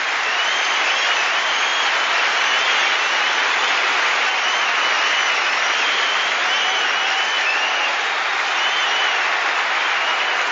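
Sustained applause from a large audience, a dense, steady wash of clapping that holds at an even, fairly loud level for about ten seconds without any voices, for a guest invited up from the audience.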